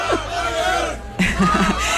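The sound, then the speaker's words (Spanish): A crowd of people coming down from Montjuïc shouts and cheers continuously, a dense roar of many voices with overlapping yells, swelling louder in the second half with rhythmic chant-like bursts. “Y sigue habiendo gritos.”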